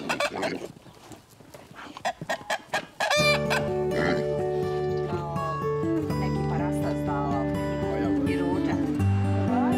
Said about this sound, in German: Da sind Hühner.